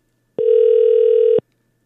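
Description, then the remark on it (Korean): A single steady telephone ringback tone sounds for about one second, loud, with sharp start and stop and no voices over it, as the Far East Broadcasting radio station calls a listener. “자, 2010번님 다시 전화 걸고 있어요.”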